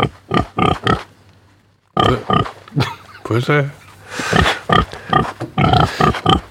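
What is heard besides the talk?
pigs oinking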